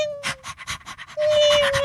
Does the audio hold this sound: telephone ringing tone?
no